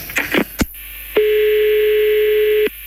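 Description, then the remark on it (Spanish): A few clicks and clunks of a phone handset being handled and redialed, then a steady, continuous dial tone hums for about a second and a half before cutting off. “Espera, pues, vuelvo a marcar otra vez.”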